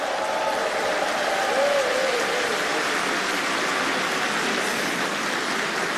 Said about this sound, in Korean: 여러분, 어린이 합창단을 향해서 다시 한번 네, 뜨거운 박수 보내주시면 어떨까요?